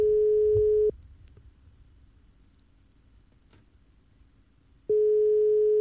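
A phone line's ringback tone sounds twice: a steady, fairly loud single-pitch tone for about a second, a four-second pause with faint line hiss, then the tone starts again.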